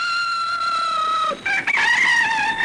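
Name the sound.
rooster crowing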